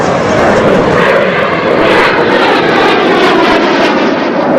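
A loud, steady roar of aircraft engines fills the whole stretch, a broad rushing noise as two jet planes streak low overhead above a beach, with no voices.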